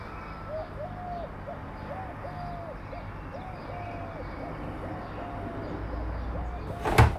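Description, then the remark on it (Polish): Sparrows chirp in a quick, steady series of short, rising-and-falling calls over a constant rumble of city car traffic carried by humid air, ending with a sudden loud whoosh. “Kosy w oddali, wróble. Nawet w takim hałasie jak teraz, gdzie słychać samochody też od wilgotnego powietrza, tu się tyle dzieje.”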